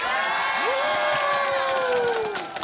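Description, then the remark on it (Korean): A large crowd claps and cheers loudly and steadily, a dense roar of hands with one high voice rising into a long sustained shout above it, tapering slightly at the end. “자 밖에 계신 돌아이분들도 재밌었으면 박수!”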